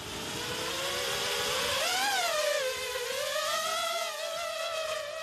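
A steady, high-pitched buzz of drone rotors whines continuously during drone flight training, its pitch rising and wavering as the rotors are tested and the motors spin up for a gentle takeoff, with layered harmonic tones and no talking.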